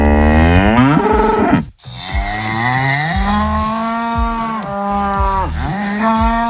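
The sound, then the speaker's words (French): Cows on a livestock farm in Indre-et-Loire, France, moo loudly and continuously, several long drawn-out bellows overlapping one another, with a brief gap before the mooing resumes. “une vidéo de ces vaches, il y a encore une semaine, ont suffoqué.”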